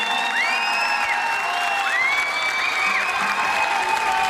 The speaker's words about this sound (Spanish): Un fuerte aplauso.